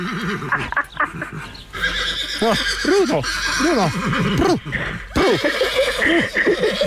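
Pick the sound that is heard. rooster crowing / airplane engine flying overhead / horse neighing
horse neighing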